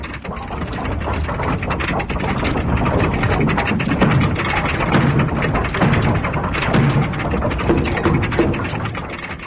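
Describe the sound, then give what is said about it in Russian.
A dense, continuous barrage of grey gnomes' clubs or sticks pounding a boulder in a forest, overlapping thuds, knocks and crashes blurring into a loud, steady rumble with no pauses and no voices. “Они дружно принялись бить по валуну то ли палками, то ли дубинками.”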